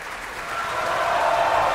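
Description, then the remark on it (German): Sustained applause from a large opera audience at the Bayreuth Festival's Ring, for Camilla Nylund as Brünnhilde: a dense steady wash of clapping that swells slightly louder toward the end, with no voices over it. “Dieser Applaus ist für Camilla Nylund, die Brünnhilde, heute Abend.”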